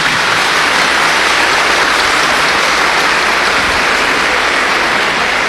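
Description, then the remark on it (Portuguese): A crowd applauds steadily, producing a dense, even wash of clapping that holds at a loud, constant level for several seconds without voices or breaks. “Então dá uma salva de palmas para eles.”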